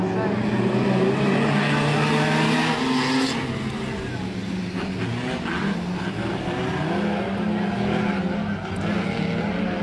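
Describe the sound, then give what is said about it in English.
Racing car engines roar continuously around a track, loud, their pitch rising and falling as cars accelerate and sweep past one after another. “That sound right there, you might be thinking, yeah, I love this roaring sound of engines going as fast as they can around a track.”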